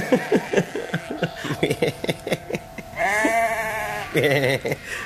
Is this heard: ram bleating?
yes